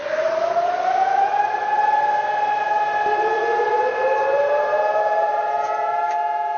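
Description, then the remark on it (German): Nationwide memorial sirens in Israel wail together in steady, overlapping tones, loud and continuous, with a faint layered echo suggesting several sirens sounding. No one speaks. “Einmal im Jahr ertönen in Israel landesweit die Sirenen.”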